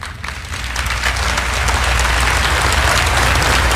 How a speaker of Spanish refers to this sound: Y usted sabe, yo conozco la diferencia entre aplausos genuinos y medios aplausos. Y está bien, no tiene que volver a aplaudir, pero yo capto mucho al escuchar los aplausos.